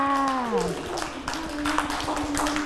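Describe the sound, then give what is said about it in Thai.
A short burst of uneven, scattered clapping as children clap for themselves after reciting a rhyme about trees, starting just after a sustained, falling voice and continuing at a moderate, steady level. “เก่งมากค่ะเด็กๆปรบมือให้ตัวเองด้วยค่ะ”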